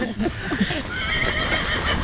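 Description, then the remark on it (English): A horse at Amethyst Farm whinnies with a bright, wavering neigh that rises and falls for about two seconds, over a background of outdoor rustle and faint hoof sounds. “They know we're coming. They can hear us coming.”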